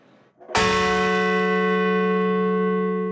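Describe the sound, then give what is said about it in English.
A large bell tolls once outside Shanksville, Pennsylvania, for the 40 passengers and crew of Flight 93: a loud strike whose rich overtones ring on and slowly fade for several seconds, with no voices over it. “Outside Shanksville, Pennsylvania, bells tolled for the 40 passengers and crew of Flight 93.”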